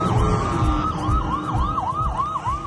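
Wailing emergency sirens rise and fall in a steady, repeating sweep across central Israel in the morning, loud and continuous over a low rumble of traffic, with a slight echoing quality.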